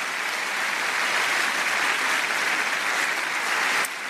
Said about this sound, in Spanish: Dale un aplauso a Dios porque Dios es bueno.